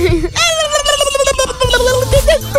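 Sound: duck quacking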